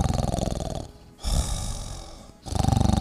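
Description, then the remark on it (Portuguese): Loud, rattling snores, with a pause for a breathy inhale in the middle before another guttural snore. It is probably a person imitating snoring with their voice. “É, rapaz, tem gente que ronca feito um trator tombando terra, né?”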